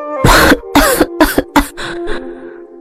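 A man coughs hard in a rapid series of about six harsh, wrenching bursts, loud at first, then tapering into weaker, raspier coughs.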